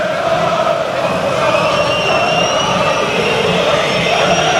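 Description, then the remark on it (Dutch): A stadium crowd whistles loudly and without pause from the home stands during a Barcelona football match, shrill overlapping tones gliding above a dense, steady roar of fans whose singing goes on, filling the whole stretch. “Dan klinkt het fluitconcert vanaf de thuistribunes.”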